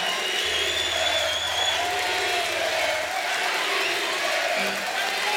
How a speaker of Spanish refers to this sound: Un aplauso.